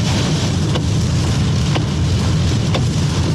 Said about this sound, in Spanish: Me han pasado varios camiones y van a una velocidad normal, que para esta lluvia es bastante peligroso. Pasando por el puente Manuel Rodríguez, ahí va el camión.